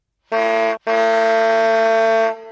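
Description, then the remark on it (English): A car horn honks twice, a short blast followed by a longer sustained one, loud and brassy with a steady, buzzing pitch and no voices. “Drive a car.”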